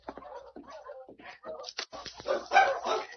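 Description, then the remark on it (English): A pack of sled dogs barks and snarls in a chaotic fight, yelps and growls overlapping in rapid bursts that grow louder toward the end. “When they bark like that, they have fight.”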